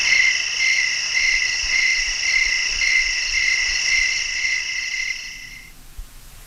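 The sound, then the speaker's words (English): A steady chorus of crickets chirps in a high, shimmering, pulsing trill that continues without pause, then cuts off abruptly near the end, leaving near silence. “Crickets.”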